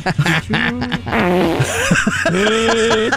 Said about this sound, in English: Hey, did you guys know that in space nobody can hear you fart?